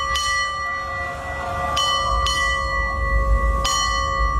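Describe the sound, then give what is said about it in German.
A ship's bell, rung on NDR 1 Welle Nord radio to strike the current time, rings out in a few clear, metallic strikes, two double strikes and a single one meaning 6:30, each leaving a long shimmering tone that hangs over a low background rumble. “Und wir glasen hier jetzt mal an, läuten die aktuelle Uhrzeit mit der Glocke für Sie.”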